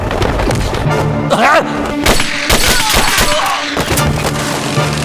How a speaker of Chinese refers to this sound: 听到枪声吗？是配电室方向。